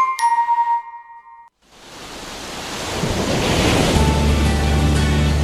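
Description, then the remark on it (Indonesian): A short chime rings out and fades, then after a brief gap loud, rushing surf swells in as ocean waves break steadily on Sawarna beach in Lebak Regency, Indonesia, with a low rumble building toward the end. “Wisata Pantai Sawarna dengan dua lokasi wisata pantai, Ciantir dan Tanjung Layar, menjadi salah satu destinasi wisata yang ada di Kabupaten Lebak.”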